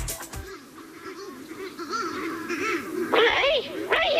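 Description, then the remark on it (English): A flock of mutton birds, loose on the road after a gate was left open, honks and squawks continuously, their calls overlapping, with harsher, louder squawking bursts breaking out toward the end. “All the bloody mutton birds have gotten out. They're all over the road.”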